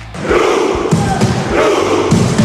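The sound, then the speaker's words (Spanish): A loud stadium crowd of Norway fans chants in celebration after the team qualified: a dense roar of many voices punctuated by steady, rhythmic low thuds and surges repeating about once a second. “Y en el estadio gritaban así.”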